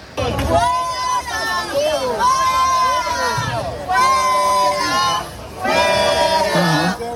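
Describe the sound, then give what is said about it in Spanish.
A crowd of protesters at the Plaza del Sol in Madrid heckles and expels a man of about 70 who was recording on a mobile phone whose case bore a Carlist flag. Many voices shout over one another in loud bursts of jeering, with brief lulls between the waves of yelling. “Antes de eso, hace unos minutos, ha habido un momento de tensión que quiero que escuches.”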